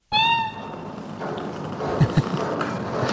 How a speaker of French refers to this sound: Bon, Félicette est de toute évidence un chat, j'ai bien identifié, ou plutôt devrais-je dire une chatte, je suppose, une chatte astronaute. C'est elle qu'on vient donc d'entendre dans ce document de l'INA, c'est le service des archives français,